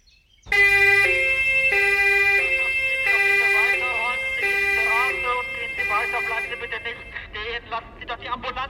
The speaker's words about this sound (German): Bleiben Sie nicht stehen und machen Sie die Straße frei, damit der Krankenwagen durchkommt.